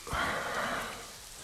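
Steady rain falls, a continuous soft hiss of drops with no voices, holding at an even, moderate level and easing slightly toward the end.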